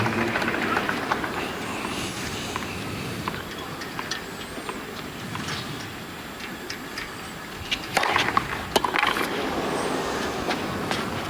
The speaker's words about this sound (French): Oh, et ça c'est aussi le vent.